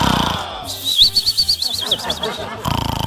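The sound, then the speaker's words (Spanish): A person imitates snoring: about two seconds of quick, rhythmic rasping pulses with a thin whistling squeal riding on top, between short stretches of breathy noise. “yo ronco y ronco así.”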